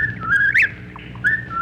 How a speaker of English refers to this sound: The whippoorwill, for instance, has a well-known three-note phrase, or seems to have.